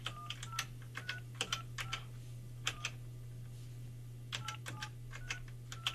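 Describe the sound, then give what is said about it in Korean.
A rapid series of short touch-tone beeps as a phone number is keyed in to place a call during a live nationwide broadcast, in two quick bursts with a brief pause between, over a steady low electrical hum. No one speaks. “자, 전화 한번 해볼게요.”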